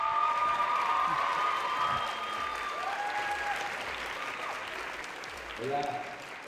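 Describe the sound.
A crowd applauds steadily, a dense wash of clapping that holds at a fairly even level for several seconds, with a few cheers and a brief voice rising over it near the end.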